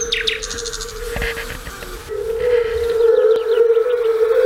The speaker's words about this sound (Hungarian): Eddig hallottunk bogarak és rovarok énekét, madárdart, és legutóbb pedig a vöröshasú unka dalát, amiről ugyancsak Bartók Péter mondja el, hogy ez a szőlőspusztai Bartókék húgánál töltött nyaraknak az emléke lehet